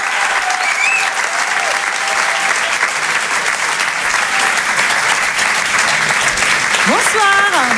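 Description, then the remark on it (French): An audience claps loudly and steadily for the whole stretch, a dense, even roar of hands, with a few shrill whistles rising above it, especially near the end. “Je vous demande de les encourager, de les applaudir très fort.”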